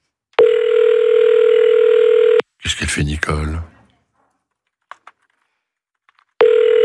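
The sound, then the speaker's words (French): A steady telephone ringback tone sounds for about two seconds, pauses while someone speaks briefly, then starts again, the unanswered call ringing on at a loud level, four rings before it goes to voicemail. “Ah, quatrième sonnerie. Vous êtes sur la messagerie.”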